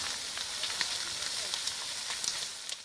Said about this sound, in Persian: جنگل در آتش، خانه ها در معاصره شعله ها. این آتش در بخش های از آمازون برزیل گسترش یافته. شعله های آتش پوششگی هایی را می بلعد و به خانه ها و زمین های کشاورزی نزدیک می شود.